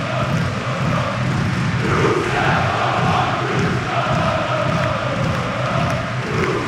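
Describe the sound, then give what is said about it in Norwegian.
The Øvre Øst supporters' section chants during a Fredrikstad versus Rosenborg football match in a steady, roaring mass of voices, the sustained crowd noise swelling and pulsing without pause and holding loud throughout. “Så var lyden av Øvre Øst tilbake.”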